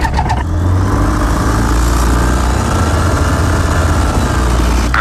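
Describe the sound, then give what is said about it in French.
A light aircraft engine starts up after the pre-flight check during a flying lesson, a brief sputter giving way almost at once to a loud, steady, rumbling drone that holds for several seconds with no voices. “Et on démarre.”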